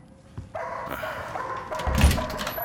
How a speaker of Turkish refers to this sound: Kes sesini! Aptal, aptal köpek! Lanet ayakkabılarımı suratına fırlatacağım. Senden de sahibinden de nefret ediyorum. Kes sesini! Kes dedim!